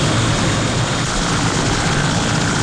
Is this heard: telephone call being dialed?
no